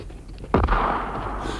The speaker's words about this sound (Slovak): Zdá sa, že tu ozaj niekto strieľa a má odvahu vyrušiť slávneho učenca vtedy, keď je na sekretariáte svojich myšlienok. Tam je náš strelec.